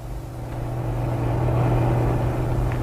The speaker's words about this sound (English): This one's going slow uphill. Big truck with only one driver. Yeah, only one driver. Others is having two. Here she comes, going no more than walking.